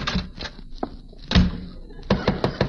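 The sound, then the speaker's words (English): Knocking on a wooden front door: a few dull, solid raps spread out at first, then a quicker group of three, fairly loud with no voices. “Come to the front door, and I'll try the routine on you.”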